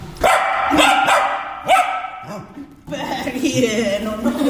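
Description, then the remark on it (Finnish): A dog barks several times in quick, sharp bursts, followed by a stretch of agitated yips and whines mixed with a person's voice. “No siinä kuultiin oikein ääninäytettä koiraltakin loppuun.”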